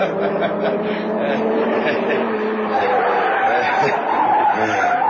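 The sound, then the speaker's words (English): A car spins around with its tires skidding, a loud, continuous squeal and rumble that carries on for about five seconds. “Spin the car, quick.”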